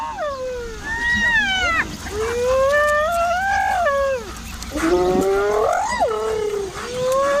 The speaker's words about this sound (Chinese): 斑鬣狗的这种叫声是在传递信号，它们通过灵敏的嗅觉寻找食物，这激动的叫声表明它们有所发现。